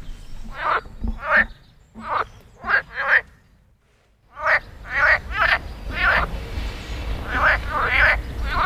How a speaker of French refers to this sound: Au printemps, les grenouilles se réveillent. C'est la saison des amours.